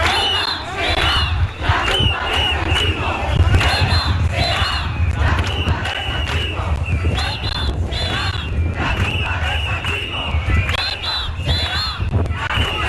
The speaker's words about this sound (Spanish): Pues gritos como Ceuta será la tumba del sanchismo con estas resonancias históricas. Marlaska, canalla, defiende a los caballas.